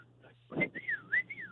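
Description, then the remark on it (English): A short human whistle with a rising-and-falling two-part call, the kind used to summon a dog, imitating the whistle a man uses in a store to call someone, following a brief breathy intake and a quiet hum underneath. “he does this stupid little whistle in the middle of the store and expects me to answer him”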